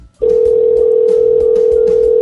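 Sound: telephone dial tone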